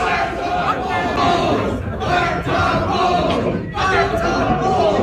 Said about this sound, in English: They're chanting Fire Todd Bowles.